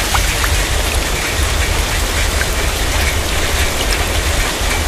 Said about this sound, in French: Chaque année, des pluies intenses et des inondations soudaines touchent votre territoire.